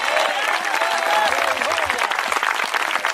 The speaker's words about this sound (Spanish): Si ese aplauso es para Cristo, se muere de hambre el Señor con ese aplauso. Úselo con todo el corazón.